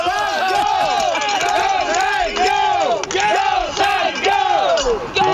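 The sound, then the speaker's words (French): A crowd of Saguenéens hockey fans in Moncton shouts and chants in unison on the eve of a playoff game against the Wildcats, their voices rising and falling in a steady repeating rhythm of loud cheers that continues without a break. “Ben, en fait, là, les partisans des Wildcats ne sont pas tout à fait arrivés, mais on a des partisans des Saguenayens qui sont ici, qui veulent crier.”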